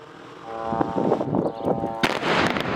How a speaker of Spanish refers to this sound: Es una de las explosiones que han sacudido el sur del Líbano este sábado. Allí el ejército israelí sigue bombardeando poblaciones como esta a pesar de la tregua.